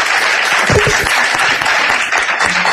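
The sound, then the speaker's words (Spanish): A crowd applauds steadily, dense overlapping claps forming a loud, sustained wash of sound, with some voices mixed in beneath the clapping. “Podéis aplaudir, ¿eh?, para ver que la gente, que hay gente.”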